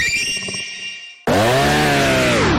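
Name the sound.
chainsaw engine running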